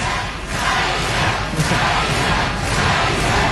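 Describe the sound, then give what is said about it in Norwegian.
A large audience chants the name of a singer in unison, loud rhythmic surges repeating roughly once a second over a constant roar of crowd noise, with no other voice speaking, just before the superfinal. “Ja da, jeg hører at de roper på …, men det hjelper på … litt nå.”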